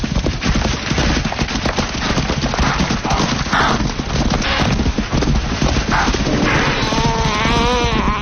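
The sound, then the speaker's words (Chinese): A herd of wildebeest stampedes through dry grass as a hunting lion's heavy footsteps drive it toward another lion, hooves drumming in a dense, continuous rumble that stays loud throughout, with a few animal calls rising near the end. “现在毫无防备的牛羚群两侧各有一头狮子，追赶者开始行动，他沉重的脚步声使牛羚群向着捕捉者涌动。”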